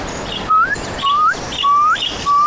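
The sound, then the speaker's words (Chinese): At night, a bird calls rapidly and repeatedly, giving four quick rising whistled notes in a steady rhythm, clear, with no voices. “一阵急促的鸟鸣打破了夜晚的幽深。”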